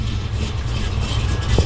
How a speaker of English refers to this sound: Give it a little gas. Oh! All right. Yes, it sounds normal to me. Hold on. All right, let's go out to the. Okay. Let's go hear the jalopy sound.